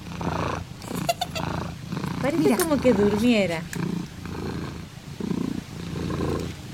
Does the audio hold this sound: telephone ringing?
no